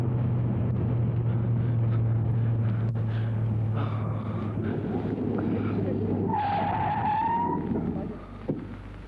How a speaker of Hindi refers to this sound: क्या हुआ विक्रम, तुम अचानक रुक क्यों गए? तुमने तो गाड़ी भी बंद कर दी।